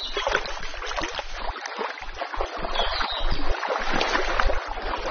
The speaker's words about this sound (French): Moi j'adore cette rivière, la couleur de